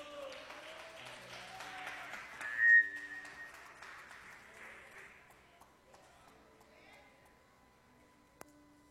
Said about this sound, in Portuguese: As palmas são bem alegres para Jesus.